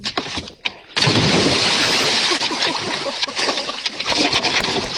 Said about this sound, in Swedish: Så ska det tannetusan låta när man badar i direkt. Yes. Var det där bästa plasket? Ja, men det var den bästa bomben.